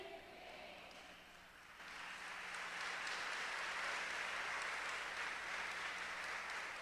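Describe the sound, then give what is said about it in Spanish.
An audience claps, the applause starting modestly and then swelling into a steady, dense wash of clapping that holds for several seconds without any voices. “Gracias por esos aplausos que despertaron a las 3 de este lado y a 4 de acá.”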